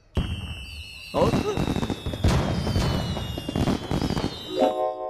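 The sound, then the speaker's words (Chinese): Fireworks burst loudly again and again, four or five crackling booms with whistling trails over a steady roar; a brief voice surfaces near the end. “我要和爸爸看烟花。”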